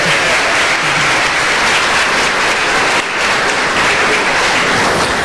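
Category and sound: crowd, wedding guests applauding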